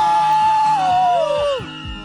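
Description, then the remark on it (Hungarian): A festival audience lets out a loud, sustained scream together on a countdown, competing to be loudest, for about two seconds, one shrill voice sliding downward in pitch as the roar fades slightly at the end. “aki tehát szeretne velünk bulizni, jövő héten vasárnap a rádió egy születésnapi fesztiválján egy nagy sikítást!”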